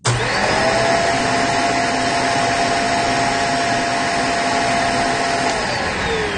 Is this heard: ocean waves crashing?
no